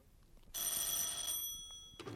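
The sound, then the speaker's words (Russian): A single ring of an old-style telephone bell, loud, a bright metallic jangle lasting just over a second before fading, with a brief muffled sound right after; the call wakes Volt Bragin. “А начались эти события с телефонного звонка, который разбудил Вольта Брагина.”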